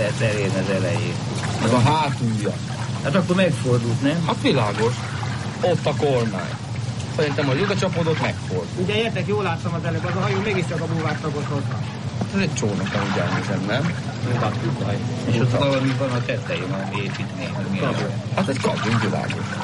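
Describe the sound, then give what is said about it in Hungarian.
Water pours steadily out of a pontoon made of several sections in a continuous rushing stream as it drains, while several people talk over it the whole time. “Na, akkor ki lesz hívni belőle a vizet, nem? Darabonként.”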